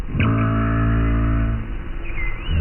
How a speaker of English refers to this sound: Yes, minke whales sound like plucked strings.